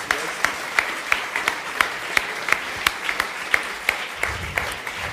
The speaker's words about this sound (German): Also das ist ein riesen Applaus, bitte.